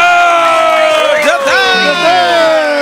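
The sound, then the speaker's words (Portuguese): A loud audience cheers and applauds without a break for the 90-year-old veteran TV comedian Dedé Santana, overlapping shouts and whoops rising and falling in pitch throughout. “Muitos aplausos para o eterno trapalhão, Dedé Santana!”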